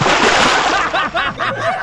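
A loud water splash sound effect, like a bucket of water being thrown, played on the radio station Rádio Jornal FM to wake up listeners, with a burst of splattering followed by a few quick sloshing surges.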